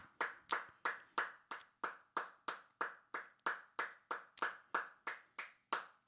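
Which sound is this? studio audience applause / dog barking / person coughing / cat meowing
studio audience applause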